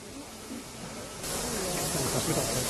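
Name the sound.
steam locomotive hissing steam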